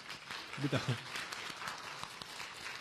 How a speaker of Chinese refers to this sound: 我们鼓掌欢迎。